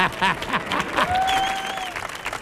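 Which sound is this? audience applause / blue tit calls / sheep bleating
audience applause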